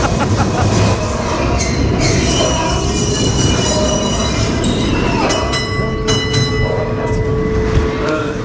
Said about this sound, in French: On n'entend pas, on est dans le train. Je vais attendre que le train s'arrête.